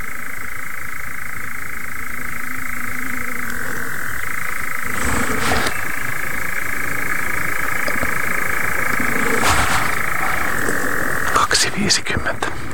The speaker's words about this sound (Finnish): Se tai kärkikärjen leimaamisesta mennyt nyt se 3 minuuttia, mutta viitasammakko kurnottaa komeasti.